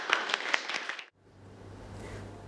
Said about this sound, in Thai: ปรบมือ